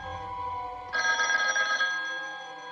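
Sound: telephone ringing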